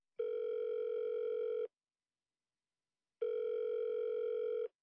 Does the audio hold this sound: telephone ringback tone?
yes